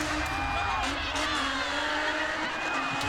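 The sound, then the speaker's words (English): A crowd roars and cheers steadily over the drone of a revving engine at a motorsport event, a dense, continuous wash of noise with no clear pauses. “The crowd losing their mind.”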